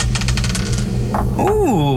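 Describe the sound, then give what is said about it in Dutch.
A die rattles and clatters across a hard surface in a quick series of sharp clicks, then a voice gives a rising-and-falling exclamation over a low background hum. “Ik heb hier de dobbelsteen.”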